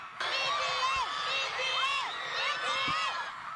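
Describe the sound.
A large crowd screams and cheers continuously, with many high-pitched voices shrieking and rising over a steady roar that stays loud from start to finish.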